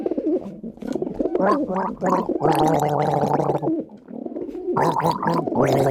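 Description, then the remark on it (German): A person gargles in loud, wet, bubbling bursts that stop and start several times over a few seconds, with a throaty, cooing quality. “Selbstverständlich, hier sind die Vogel und du darfst gurgeln.”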